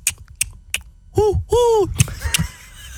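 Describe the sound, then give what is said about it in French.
A person imitates an owl with two steady, loud hoots, surrounded by sharp, evenly spaced clicks imitating a car's turn signal, performed as a talent on Chéri FM's morning show Le Réveil Chéri. A few clicks come before the hoots and a couple follow. “Et le hibou qui met son clignotant.”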